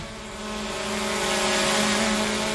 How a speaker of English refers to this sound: While Western Power is flying drones to inspect the lines